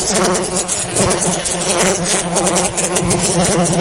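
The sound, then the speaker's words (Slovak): A large fly buzzes steadily and loudly throughout, a low droning hum with a rich, rasping edge that wavers slightly in pitch as it hovers, with no voices present. “Mucha, ale nie tá obyčajná mucha s malým m, ale taká tá veľká dotieravá mucha, ktorá keď sa rozhodne, že vám zničí nervy, tak to tak urobí.”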